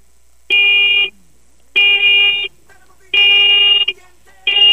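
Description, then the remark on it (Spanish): Four loud, medium car horn honks from a VW Beetle, each a steady, buzzy blast of well under a second, evenly spaced with short pauses between; the last is cut off. “Va, muñeco, regálame cuatro bocinazos medianitos ahora.”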